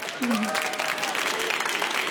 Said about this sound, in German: Ja, und der kommt heute von der Frankfurter Buchmesse live. Das hören Sie an der Geräuschkulisse im Hintergrund und vielleicht hören Sie es auch ein bisschen am Applaus.